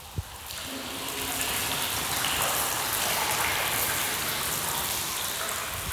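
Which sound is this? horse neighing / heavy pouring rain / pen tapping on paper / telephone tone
heavy pouring rain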